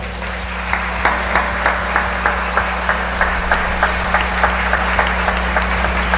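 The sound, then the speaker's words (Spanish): An audience at a Holy Eucharist applauds to welcome Bishop Iván Minda of the diocese of Santa Elena, in steady, rhythmic unison, the claps falling at an even pace over a constant low hum from the room's sound system, with no voices. “En esta Santa Eucaristía nos acompaña y preside Su Excelencia Monseñor Iván Minda, obispo de la diócesis de Santa Elena, quien recibimos con fraternal alegría y un caluroso aplauso.”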